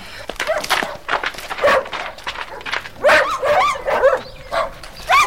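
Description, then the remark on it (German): Many dogs at a station for stray dogs barking and yelping at once, sharp overlapping barks and high yips tumbling over each other in a dense, restless, loud chorus. “So viele Hunde. Was machen die mit denen bloß?”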